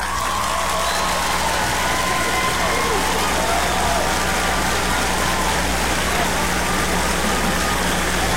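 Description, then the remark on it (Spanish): Sustained applause on a Radio Disney broadcast, a dense, hissing wash of many hands clapping at a steady level for about eight seconds, with no clear pauses or individual claps standing out. “Primero, aplausos.”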